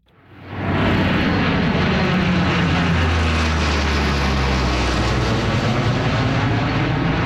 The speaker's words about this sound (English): Hercules planed as a flyover to mark the occasion.